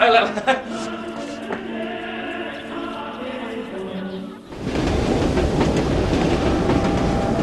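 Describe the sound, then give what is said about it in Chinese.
A steady low rumble with tonal hum builds, then a loud, broad roar of a train rushing past on the tracks takes over from about the midpoint, sustained. “那你经常跑这么远来看火车？”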